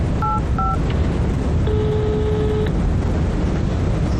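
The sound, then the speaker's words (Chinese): Two short telephone keypad tones beep in quick succession as someone dials a phone call to Boss Wang, followed by a longer sustained dial tone, all clear over a steady rumble of traffic noise in the background. “你现在就给王老板打电话，你问问他，这合同他如果能签，咱就跟着他干；如果他不签，咱现在就打电话报警，趁他人还没跑，赶紧把那笔钱给追回来。”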